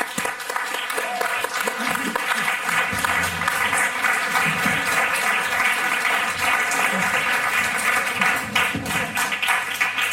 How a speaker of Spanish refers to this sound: Recibamos con un fuerte aplauso a la escritora, periodista y cazavampiros, Cristina Fallarás.